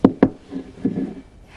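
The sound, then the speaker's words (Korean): In a courtroom, a hammer held in a prosthetic hand strikes a wooden table twice in quick succession, two sharp, loud, hollow thuds, followed by a few softer knocks and scraping sounds as it is set down on the table. No voices. “망치로 내리쳐보세요”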